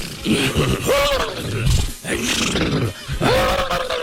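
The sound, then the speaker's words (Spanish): A man's voice imitates a horse with three loud, strained whinnying bursts, each rising and falling in pitch, separated by brief pauses and mixed with throaty grunts. “Se fueron allá y los caballos hacían así, ¿no?”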